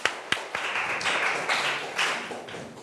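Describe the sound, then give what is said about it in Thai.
A group of students in a class claps for a classmate who correctly answered the teacher's question: a few sharp individual claps at first, then a dense, steady patter of applause that continues for a few seconds at moderate volume. “2เมตรถูกต้องค่ะปรบมือให้เพื่อนหน่อยนะคะ”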